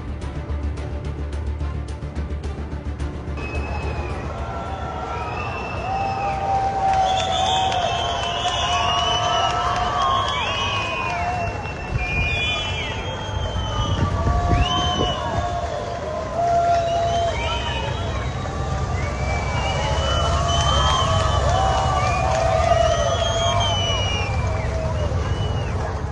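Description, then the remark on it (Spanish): The Santiago Bernabéu crowd whistles loudly and continuously at the players' team bus as it arrives, outside the stadium: many shrill, overlapping whistles rising and falling over a steady roar of shouting and crowd noise throughout. “Recibimiento del público del Bernabéu a los jugadores.”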